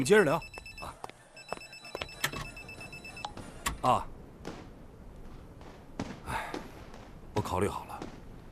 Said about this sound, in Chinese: 哦，电话，你们接着聊。